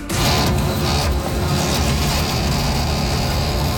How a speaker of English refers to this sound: And you've got to hear this thing. This is not just a slow printer. This has to be a defective. I don't know if this thing is going to explode. I don't know if it's going to overheat. It sounds dangerous.